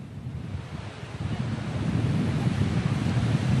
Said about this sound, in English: I don't know if you can see behind me. You can see these high waves in the sea. That's an indication that there are high winds in the area.